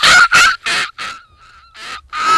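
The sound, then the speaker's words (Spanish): A first-year female student imitates a seagull, letting out a rapid run of harsh, raspy squawks, with a thinner, wavering whine in the middle before the loud cries resume. “Tiene una respera muy, muy de gaviota, la respera esa que le sale, muy de gaviota ya viejita, ¿no?”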